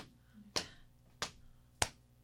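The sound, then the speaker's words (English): Body percussion brain-break exercise: three sharp, evenly spaced slaps, two knee pats leading into a hand clap (pat, pat, clap), each a crisp bright hit with a quick decay. No voices, just a faint steady background hum. “Pat, pat, clap. Pat, pat, clap.”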